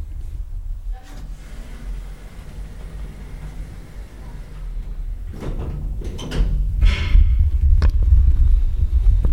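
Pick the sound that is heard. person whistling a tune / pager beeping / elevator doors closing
elevator doors closing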